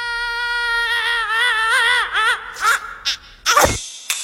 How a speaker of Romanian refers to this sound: Da, minionul a țipat.